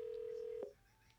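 A steady electronic telephone keypad tone from dialing a call center holds for just over half a second, then drops away, leaving a faint, thin higher tone in a quiet background with no talking.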